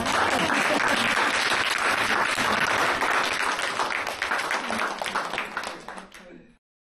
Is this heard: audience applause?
yes